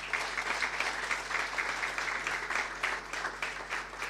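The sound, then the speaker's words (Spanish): Steady, dense applause from an audience at a hospital in Chile, applauding the hospital's team, fills the whole stretch, many hands clapping together in a continuous crackling wash with no voices standing out. “Un fuerte aplauso para nuestro equipo.”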